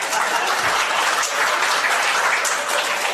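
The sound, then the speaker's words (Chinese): A crowd applauds steadily and loudly for a few seconds, a dense, continuous wash of many hands clapping with no voices standing out. “我看你这脑袋比弹筒盖强，拿他这脑袋当锣行吗？鼓掌通过。”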